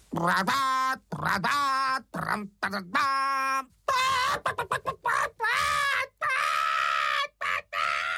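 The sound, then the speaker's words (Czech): A human voice imitates a frightened hen that thinks there is a fire, letting out a rapid run of loud, strained squawks and shrieks in short bursts with brief pauses, with no other sounds. “Vykřikla slepice a protože myslela, že hoří, uháněla jako splašená pryč.”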